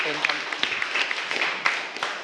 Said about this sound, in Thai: ขอเสียงปรบมือให้กับเพื่อนนะครับ